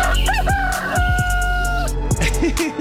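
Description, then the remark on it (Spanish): A rooster crows once on a very cold morning, loud, its long strained call holding steady before trailing off, over constant rough background noise with a few short squawks near the end. “Pero ahí está, un gallo más hoy, cuádruple gallo.”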